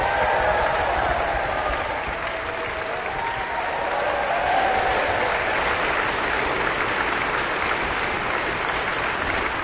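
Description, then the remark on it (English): Sustained, dense applause from a large orchestral concert audience after a symphony performance, as the conductor bows and orchestra sections stand, steady and loud throughout, with scattered shrill whistles rising above the clapping. “Lots of whistling as well as applause in this very enthusiastic audience.”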